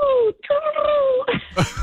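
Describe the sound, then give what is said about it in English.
Someone vocally imitates a pigeon, like the pet pigeon Puddin: two sustained, wavering whine-like tones with a brief break between them, followed by a couple of rough, breathy bursts like wings flapping at takeoff. “You got to give us a pigeon.”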